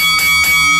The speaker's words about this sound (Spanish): Y vamos a tocar la campana, sí señor.